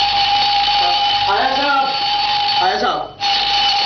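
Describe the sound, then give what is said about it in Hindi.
An alarm clock rings loudly and continuously with a harsh metallic buzz on a Sunday morning, in the Hawa Mahal radio play 'Bahadur Ki Shaadi'. A man's voice speaks over it, and the ringing cuts out for a split second near the end before starting again. “अबे good morning के लगते अलार्म बंद कर, ये आज अलार्म क्यों लगाया है?”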